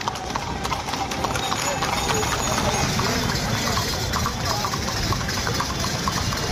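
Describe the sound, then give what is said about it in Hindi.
Rapid, steady clip-clop of horse hooves from an ikka (horse-cart) race at the new Yamuna bridge, with horses of many varieties, pounding continuously beneath a loud wash of noise from the crowd gathered to watch the race, an engine hum and overlapping voices. “आप देख सकते हैं कि जो ये नया यमुना पुल है, यहाँ पर जो लोगों की भीड़ है इस इक्का दौड़ को देखने के लिए आई है।”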